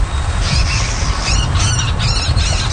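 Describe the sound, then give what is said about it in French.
Marsh birds in a Canadian wetland call in a series of harsh, squawking notes, repeating irregularly over a steady low rumble of wind or background noise, fairly loud, with no one speaking. “recenser les oiseaux, comme le buteur d'Amérique, le râle de Virginie ou la marouette de Caroline”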